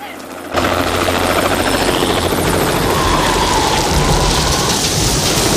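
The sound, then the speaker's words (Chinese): A helicopter engine roars steadily with a dense, churning whine and rotor throb that kicks in abruptly after a brief quieter moment, loud and continuous throughout. “关掉发动机！”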